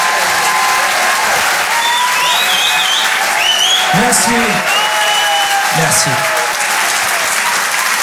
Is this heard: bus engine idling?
no